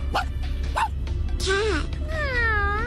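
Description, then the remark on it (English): A person imitates a tiny dog: two quick, high yaps, then longer whiny, yelping cries, fairly loud over a low background hum. “What about the tiny dog?”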